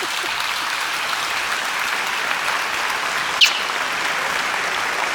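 Steady audience applause fills the whole stretch, a dense, even wash of many hands clapping at a constant level, with one brief sharper accent partway through and no voices.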